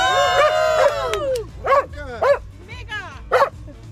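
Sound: dog barking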